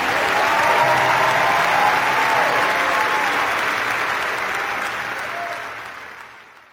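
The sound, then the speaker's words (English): A large audience claps for Jesus steadily in a dense, sustained wash of applause, loud at first and gradually tapering off toward the end without any speech. “clap for Jesus today.”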